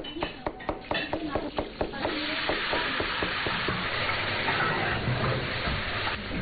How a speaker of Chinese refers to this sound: 午饭时分，村里一对夫妻开的农家乐里飘出了饭菜香，主人在厨房里忙得脚不沾地，锅里滋滋作响。